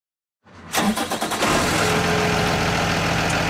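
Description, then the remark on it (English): The engine of a big yellow school bus cranks over with a brief rapid churning, catches, then settles into a steady, loud, rumbling idle. No voices. “It's one of those big yellow school buses, the kind so many of us have taken to school, bumping around in those vinyl seats,”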